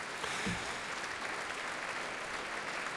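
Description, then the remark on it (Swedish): An audience in Berwaldhallen concert hall keeps up a dense, steady wash of applause after an orchestral concert, countless claps blending into a crackling hiss with no voices on top, as the applause ebbs away. “Ja, applåderna här i Berwaldhallen ebbar nu ut.”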